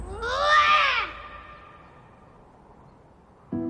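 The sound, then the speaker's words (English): A young boy lets out one loud, strained roar lasting about a second, rising and then falling in pitch, followed by near silence and a faint rustle at the end. “It was especially loud, like he was roaring at someone.”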